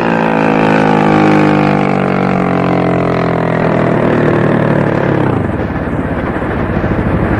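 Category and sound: vehicle, motorboats approaching and stopping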